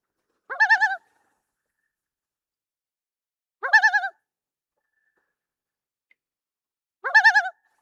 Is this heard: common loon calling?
yes